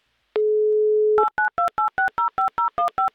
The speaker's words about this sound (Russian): Итак, Ирина, я набираю ваш номер телефона.